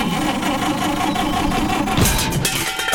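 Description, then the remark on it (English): A car engine labors and sputters unevenly, a rough mechanical chugging that strains for about three seconds, with a brief surge of harsher noise partway through and no voices. “Got trouble with the car?”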